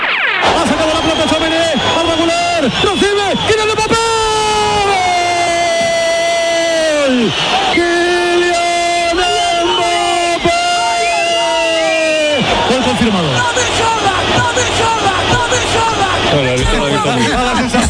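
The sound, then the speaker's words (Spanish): A fan in the stands at the Oviedo–Real Madrid match yells loudly and continuously about a metre from Antonio Muelas's Radio Nacional de España commentary booth, drawn-out bellowing cries rising and falling, with the stadium crowd murmuring and cheering in the background. “Radio Nacional de España, tablero deportivo, el domingo, Oviedo Real Madrid, primer gol de Mbappé y un loco en la grada dando gritos al lado de la cabina de Antonio Muelas.”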